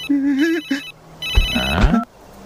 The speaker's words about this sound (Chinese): 啥声音？ 手机呢？手机呢？ 在这儿。手机又响了。